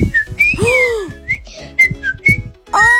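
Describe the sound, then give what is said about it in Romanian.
A woman caller to a radio sound-imitation game whistles, imitating a sound with a quick series of loud, sliding notes: short chirps, rising and falling swoops, then a sustained high tone at the end. “Mamă, ce fluiera! Cine te-a învățat să fluiere așa?”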